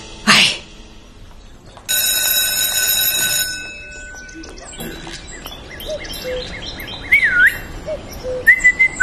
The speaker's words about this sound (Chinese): 不许吹口哨，破坏纪律。